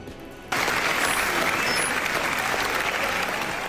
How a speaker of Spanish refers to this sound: Y en Venecia, ovación para Penélope Cruz y Javier Bardem en el estreno de Búnker. Casi 16 minutos de aplausos, la más larga de lo que llevamos de festival. Un patio de butacas puesto en pie para alabar su nuevo trabajo juntos.